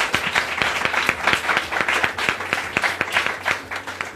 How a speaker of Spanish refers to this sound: Aplauso para la doctora Araceli.